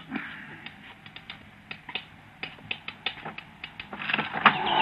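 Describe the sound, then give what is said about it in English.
A window rattles as a bird tries to get in, in a run of irregular sharp clicks and taps over a soft background hiss, building into a louder, busier clatter near the end. “the window seats you. It's rattling.”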